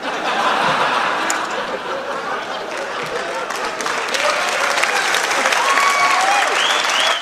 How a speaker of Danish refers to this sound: Ja, det kan vi godt klappe af, ikke?